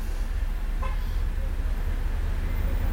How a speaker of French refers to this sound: Boulevard Saint-Germain, tout un flot de voitures